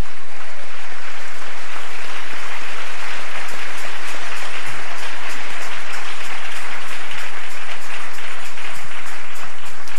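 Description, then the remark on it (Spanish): An audience applauds the King on a morning, a steady, dense wash of clapping from many hands that holds at a loud, even level throughout without any talking. “Dale un aplauso al Rey en esta hermosa mañana.”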